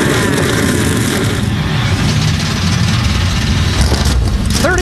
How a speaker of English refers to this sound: NASCAR Cup Series machines come to life for the first time in 7 years. We're about to put the green flag in the air in Chicagoland.